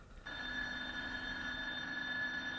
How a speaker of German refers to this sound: Hier, schau auf deine Uhr. Es läutet 10 Minuten zu spät. Aber sie wissen nicht, ob es zum Beginn oder zum Ende der Stunde läutet.